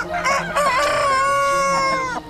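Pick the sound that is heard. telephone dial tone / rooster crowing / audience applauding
rooster crowing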